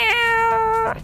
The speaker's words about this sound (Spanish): de un gato, por ejemplo, ¿no? Yo tengo aquí el gatito en cabina.